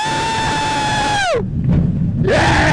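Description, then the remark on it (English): A roller coaster train goes over the edge and drops 97 degrees, steeper than vertical, as riders let out sustained, high screams that slide downward in pitch, give way to a loud rushing roar, then rise again into renewed screaming. “At the top, the train goes over the edge and drops 97 degrees, meaning the drop is actually steeper than vertical.”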